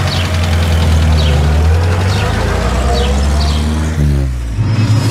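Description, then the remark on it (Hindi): The rough engine of an old, rickety car idles, a loud steady low rumble with a rhythmic rattling knock, dipping briefly near the end before settling back into its idle. “अरे उसके बाद तो अमीर बन जाएंगे, ये सेविंग्स का चक्कर ही खत्म, इस खटारा गाड़ी में भी घूमने की जरूरत नहीं होगी।”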